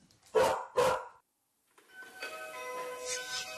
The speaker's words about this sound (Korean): 뽀삐가 짖는 소리는 얼마나 크게 들릴까 측정해봤는데요. 층간소음 기준보다 2배 이상. 야, 정말 힘드시겠어요. 초인종 소리에 폭발하는 뽀삐.